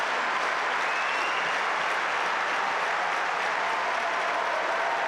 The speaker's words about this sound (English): Have a listen to the atmosphere, folks. This is the number one court at Wimbledon. And they have been here, these fans, right from the very first points.